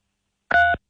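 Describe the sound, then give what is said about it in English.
A single short telephone keypad tone, a clean two-pitch electronic beep lasting about a quarter second, sounding loud against silence with no voices. “Hey, if you can hear us, press 3 on your phone.”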